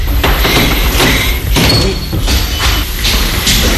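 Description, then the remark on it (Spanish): Glass entrance doors of a museum open with a few soft thuds and a mechanical sliding sound, set against a loud, steady rush of background noise and low rumble, with no one speaking. “Y entramos por unas puertas donde, por supuesto, están de cristal, o sea, están hechas de vidrio.”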